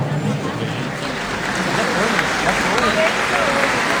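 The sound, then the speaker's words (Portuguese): A crowd in a multi-sport gymnasium in the municipality of Coroa do Oeste applauds an accordion workshop group steadily for about four seconds, a dense, even wash of many hands clapping at constant loudness, with murmuring voices mixed into the clapping. “Eu já peço uma forte salva de palmas aí para essa galera.”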